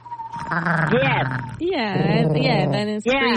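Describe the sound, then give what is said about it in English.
A person imitates an eastern screech owl with a wavering, trilling vocal whinny, several quavering pitch-sliding calls in a row, fairly loud and continuous over about three seconds. “Eastern screech owl.”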